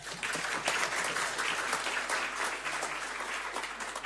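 Sustained audience applause for the organisation's lawyers fills the space, a dense patter of many hands clapping at steady volume for a few seconds with no voices over it.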